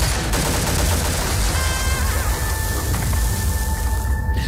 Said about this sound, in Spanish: Es verdad que en el tráiler hemos oído disparos, guerra,